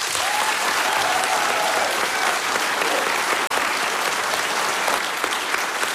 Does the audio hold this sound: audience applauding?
yes